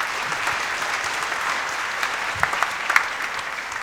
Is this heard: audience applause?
yes